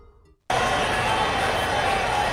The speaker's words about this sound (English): Nothing is better in sports than your team getting a score and hearing the crowd roar as commentators animate.